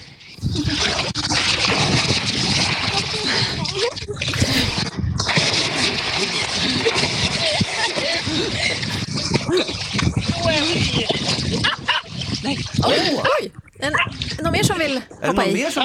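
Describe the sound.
Loud, continuous splashing and churning water as people jump in during a summer swim, with excited voices shouting and calling out over the commotion throughout.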